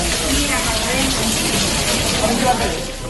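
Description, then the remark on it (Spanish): Rainwater pours and splashes steadily inside the flooded maternity hospital in Badajoz, Spain, a dense, continuous hiss and gush that stays fairly loud and even from start to finish. “Y digo que no lo parece porque parece así a priori, que es el caer de la lluvia en la calle, el pasar por debajo de los canalones, pero es el caer de la lluvia, del agua en este caso, en el materno de Badajoz, donde en las últimas horas se inundó”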